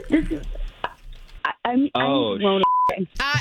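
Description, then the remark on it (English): A single short electronic phone keypad beep, clear and steady, sounds briefly in a pause between bursts of conversational talk as someone checks their phone. “Hold on, let me check my phone.”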